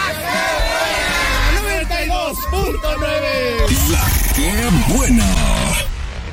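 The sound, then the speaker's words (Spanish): A crowd of voices shouts the Cuajimalpa war cry together, loud and ragged, with rising and falling yells overlapping across several seconds before trailing off at the end. “Pero nos despedimos con el grito de guerra de aquí en Cuajimalpa.”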